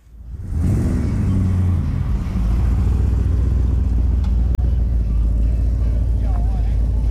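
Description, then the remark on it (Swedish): Vintage cars rumble past during the cruising at the Old Time Car Show on Åland, under threatening rain, one engine revving up with a rising growl early on before settling into a steady, loud low throb that carries throughout. “Trots hotande regn genomfördes Old Time Car Show med utställning och cruising.”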